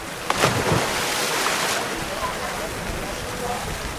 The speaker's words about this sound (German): Ein paar hundert Meter weiter strömt derweil das Wasser in das Becken, in dem die Siedler sich abkühlen.